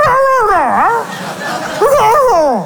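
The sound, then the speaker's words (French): A person's voice imitates a dog barking in reply, giving two loud, drawn-out yelping calls that swoop up and down in pitch, separated by a brief pause. “Et le chien lui répondait en kabyle.”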